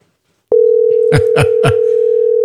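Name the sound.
telephone call ringing tone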